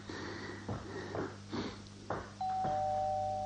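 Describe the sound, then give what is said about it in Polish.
A few soft, breathy shuffling noises give way to a doorbell ringing: a steady, sustained electric tone with two pitches that sounds clearly and continues to the end. “Dzwonek!”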